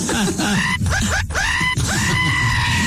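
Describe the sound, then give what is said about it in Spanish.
A voice imitates the agonized scream of someone being circumcised without anesthesia: several strained, wavering cries with brief catches between them, loud, with no words spoken. “¿Cómo grita? ¿Cómo grita?”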